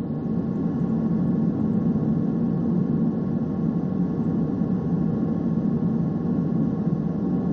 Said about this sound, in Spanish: Aparentemente todo está tranquilo. Solo se oye el leve zumbido del motor de la nave.